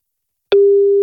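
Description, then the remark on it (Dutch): A click, then a steady electronic phone line tone of an unanswered call on Radio M Utrecht, starting abruptly halfway through and holding at an even, moderately loud pitch until the end. No one speaks. “En ook leuk als je de telefoon even opneemt.”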